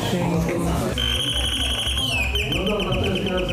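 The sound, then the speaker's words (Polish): An old Soviet-made telephone from a collection on permanent exhibition in Lublin rings with a shrill, buzzing tone that starts after a moment and keeps going steadily, loud over a busy background murmur. “Jeszcze tutaj jest produkcji radzieckiej 45.”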